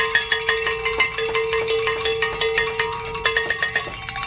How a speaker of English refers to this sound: We need more cowbell. That's right. We need more cowbell in this life.